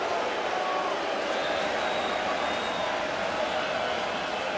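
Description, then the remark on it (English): A stadium crowd boos Contreras, a Milwaukee Brewers batter, in the seventh inning of a baseball game: a steady, sustained roar of many voices, loud and unbroken throughout without any clear individual shouts standing out. “And he is getting booed.”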